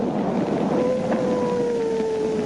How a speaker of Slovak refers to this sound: Tak toto je takmer 80-ročná nahrávka veľryby, ktorú vedci našli len pred niekoľkými dňami pri upratovaní nejakého archívu. Najstaršia veľrybia nahrávka na svete.